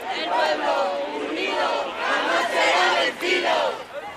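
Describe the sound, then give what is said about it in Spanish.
A large crowd at a peaceful protest march nearing the Andalusian Parliament chants and shouts together, a dense, loud, continuous wall of many voices with rising swells and brief dips in rhythm. “Una vez que se les ha abierto el paso, han decidido continuar de manera pacífica, y como os digo, vamos a llegar ya, estamos a punto de llegar al Parlamento andaluz, donde a partir de ahí se va a disolver esta manifestación.”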